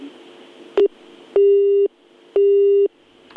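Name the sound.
telephone busy tone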